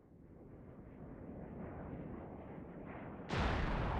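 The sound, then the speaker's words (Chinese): A steady, dense rumble of aircraft cannon fire and engine noise builds for several seconds as a fighter chases down and fires on an enemy plane, then a sudden loud explosion bursts in as the enemy plane is hit and shot down, with no voices. “撵上了我就开炮，接近了我就开炮，又打下来了一架。”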